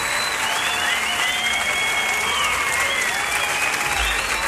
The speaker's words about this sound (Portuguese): Obrigado às crianças da LBV. Palmas para as meninas, para os meninos que estão aqui presentes.